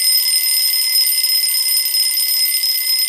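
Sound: alarm clock ringing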